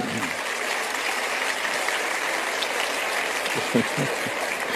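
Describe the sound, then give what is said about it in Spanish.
An audience applauds in a dense, steady wash of clapping that stays even for the whole stretch. Near the end, a faint voice briefly rises beneath it. “No sé exactamente qué aplauden, pero me imagino que es a Víctor Hugo, ¿no es cierto?”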